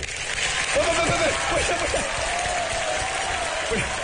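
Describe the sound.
A live audience claps steadily for about four seconds, a dense, even wash of applause with some voices calling out over it.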